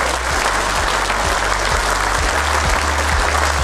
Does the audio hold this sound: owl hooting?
no